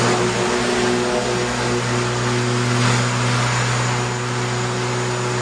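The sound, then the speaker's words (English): A lawnmower sound effect drones steadily and loudly, a continuous buzzing hum with a low rumble that holds constant for several seconds, with no voices. “I realize that my sound effect could also be a jet or a boat. That's supposed to be a lawnmower.”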